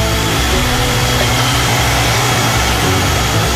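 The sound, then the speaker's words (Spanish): An electric mixer whips cream in a bowl until firm with small peaks, with a steady, loud motor whir and a low droning hum that holds constant throughout, with no voices. “con mucho cuidado batiremos hasta que nuestra crema esté firme y con algunos piquitos.”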